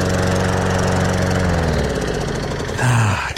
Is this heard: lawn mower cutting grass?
yes